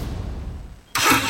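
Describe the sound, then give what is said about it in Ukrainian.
In an advertisement for the Senat residential complex, a low car engine rumble idles briefly, then the engine suddenly roars loudly as it revs, dominant through the end, with no talking. “Газуємо!”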